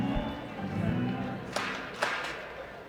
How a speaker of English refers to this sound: I always love the smattering of the crowd. You can hear the entire volume of conversations going on throughout the ballpark.